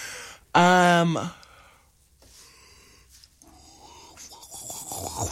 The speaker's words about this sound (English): Sorry, everyone. I had a yawn. I don't know how much you heard of that yawn, but it had to happen, I'm afraid, and I wasn't quick enough to play you a sound effect.